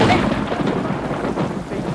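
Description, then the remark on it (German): Steady heavy rain roars while a deep, rolling rumble of thunder fills the low end, loud and continuous throughout with no voices. “Es hat geregnet an dem Abend.”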